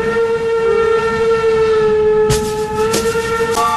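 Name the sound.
train passing with horn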